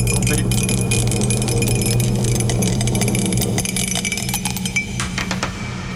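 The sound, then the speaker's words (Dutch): A dropped die clatters and skitters across a hard floor in a rapid series of sharp, clicking hits over a steady low hum, with no one speaking. “Ik heb de dobbelsteen laten vallen.”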